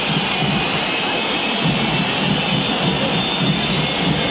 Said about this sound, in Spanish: Perdió River y hay silbatina, terminó el partido. River 0, Rosario Central 1.